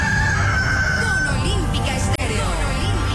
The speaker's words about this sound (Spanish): Yo escucho Olímpica. El gallo madrugador te levanta.